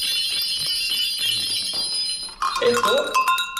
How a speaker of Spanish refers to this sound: Pues se aprovechaba todo, sí que es verdad. Bueno, cascabeles, veo también latas, esquilas, ¿no? Estas se utilizaban como las campanillas.